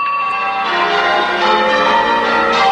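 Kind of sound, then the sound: signal or alarm, church bells ringing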